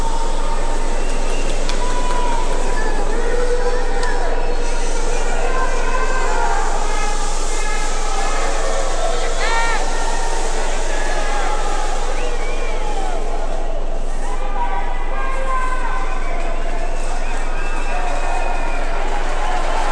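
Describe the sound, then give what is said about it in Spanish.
A stadium crowd of more than 45,000 in Guadalajara applauds after a minute of silence, in solidarity with the people of Venezuela after earthquakes there; a steady, dense wash of clapping lasts throughout, with scattered shouts and cheers rising above it at moments. “Más de 45.000 personas aplaudiendo en solidaridad al pueblo venezolano.”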